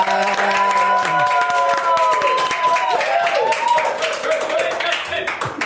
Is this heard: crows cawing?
no